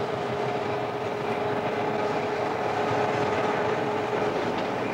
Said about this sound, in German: Die zwei Triebwagen mit ihren 2000 PS haben den Zug jetzt schon 100 Meter hochgezogen.